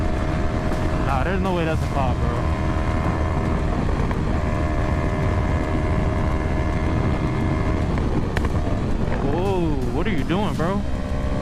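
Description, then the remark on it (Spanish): A speeding motorcycle in Florida, filmed by its rider, roars steadily at high speed, loud for the whole stretch, with heavy wind rush and a couple of brief rising-and-falling pitch sweeps. “El motociclista que graba venía a exceso de velocidad cuando le salió un obstáculo.”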